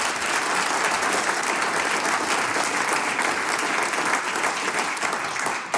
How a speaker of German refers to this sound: Gratulation und großen Applaus für dieses ehrenamtliche Engagement.